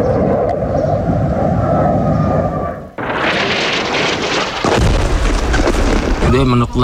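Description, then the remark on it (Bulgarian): A heavy, rumbling explosion fills the first few seconds, then gives way to a loud, sustained roar like a military jet passing overhead, with a voice briefly audible near the end. “Детството ни е такова, че започваш да разпознаваш различните звуци, тези на експлозиите.”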